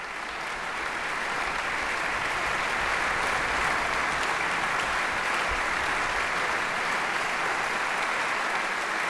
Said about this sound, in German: Applaus für die NDR Radio Philharmonie und ihren Chefdirigenten Stanislav Kutschanowski. Sie sind bei NDR Kultur mit dem Konzert vom gestrigen Abend aus dem großen Sendesaal des NDR Konzerthauses in Hannover.